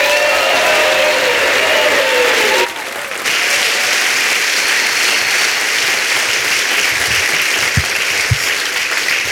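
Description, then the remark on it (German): A crowd claps loudly and steadily for several seconds as it welcomes a comedian onto the stage, a dense, continuous wash of applause that briefly dips and then swells again. Some cheering mixes in, with no one speaking. “Ich sehe, er hat richtig Bock und ihr klatscht ihn mit allem, was ihr habt, auf die Bühne.”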